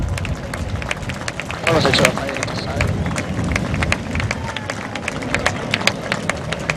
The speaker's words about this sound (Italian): e quindi il prossimo applauso io lo dedicherei a noi stessi.